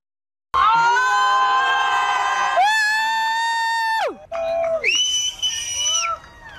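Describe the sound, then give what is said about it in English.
A crowd cheers loudly and continuously during a total solar eclipse as the light disappears, with high, sustained shouts and whoops that rise and fall in pitch over a roar of voices. The cheering breaks briefly, then surges again. “Wow, I can't even, honestly, can you hear people cheering? People are cheering.”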